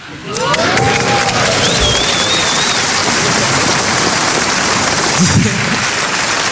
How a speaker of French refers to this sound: Vous avez fini par applaudir parce qu'il y en avait d'autres qui applaudissaient, mais j'ai vu, il y a la moitié de la salle qui a fait « ça va aller ?»